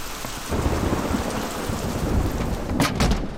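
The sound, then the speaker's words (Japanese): Steady heavy rain pours down with a dense hiss, thickening after the first half-second, while low thunder rumbles beneath. No voices, just the continuous downpour. “雨が強くなってきたな。”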